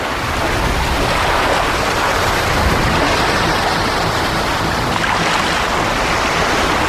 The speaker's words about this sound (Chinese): 是吧？这就是滔天巨浪了。